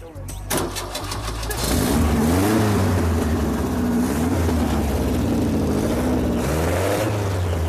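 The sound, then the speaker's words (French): A new replacement car engine cranks with a brief rattling burst, catches, then settles into a loud, steady drone, revving up and down several times with rising and falling pitch. “Alors démarre-le.”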